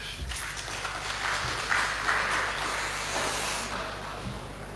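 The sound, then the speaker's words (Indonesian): A crowd applauds at the 100th plenary meeting of the Gorontalo Provincial Parliament (DPRD) in Indonesia, with dense, steady clapping that runs the whole time at an even, moderate level. No one speaks over it. “Tepuk tangan dulu.”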